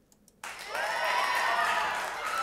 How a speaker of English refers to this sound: Yes, that's a big applause. I hope you can hear that.